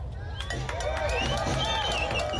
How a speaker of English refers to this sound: The crowd chanted with no pauses for almost an hour.